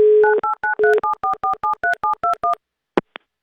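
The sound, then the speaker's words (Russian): A brief steady telephone dial tone as a radio station calls a listener back, giving way to a quick run of about a dozen two-pitched keypad beeps, followed by silence and two short clicks. No voices. “Хотя бы гудок услышать.”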